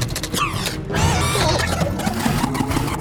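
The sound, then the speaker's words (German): A printer whirs and clatters, feeding out a few sheets of paper, running steadily and fairly loud for about three seconds with a faint rhythmic ticking in it and no voices. “Der Drucker spuckt ein paar Blätter aus, auf denen die Entführerinnen abgebildet sind.”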